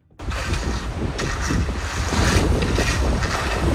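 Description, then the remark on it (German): Strong, gusty wind roars steadily across the microphone while turf is being laid outdoors, with faint raking and scraping and the low rumbling of a roller rolling over the rolled-out turf underneath. No one speaks. “Da geht der Wind, da wird gerecht, Rasen ausgerollt, drüber gerollt mit einer Walze.”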